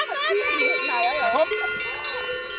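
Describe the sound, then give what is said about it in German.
Many cowbells clang and jingle together in a dense, continuous metallic chorus as a herd of belled cows is driven out and home on foot along the road in Switzerland; they are Galten, pregnant cows with big udders due to calve soon. “Jetzt kommen die Kühe mit dicken Eutern raus, also die Galten. Die haben den Zaun aufgemacht.”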